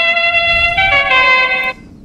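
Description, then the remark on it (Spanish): A car horn blares in one long, loud honk lasting well over a second, its tone shifting slightly partway through before cutting off abruptly, with no talking. It sounds at a Cuenca football match as part of a tribute to a club director. “Allá está el claxon. Suena el claxon, queridos amigos.”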